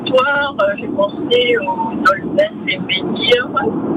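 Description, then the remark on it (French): Steady low rumble of road noise inside a moving car, thin and compressed as if over a phone line, with a voice talking continuously on top. “Oui, oui, je suis en voiture.”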